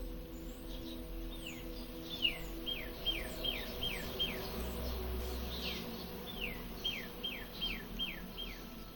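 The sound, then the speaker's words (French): Birds sing in repeated series of quick descending whistled notes over a steady high insect-like hiss and a low background hum. No one speaks. “Et en même temps, j'entends aussi des oiseaux.”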